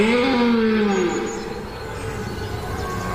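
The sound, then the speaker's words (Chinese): A young, mud-covered red deer stag warms up its voice, letting out a single drawn-out, moaning call that slides downward in pitch for about a second, then fades into a steady background hiss. “雄壮的鹿角、泥巴和站姿，它必须处理好所有细节，先暖一下嗓子。”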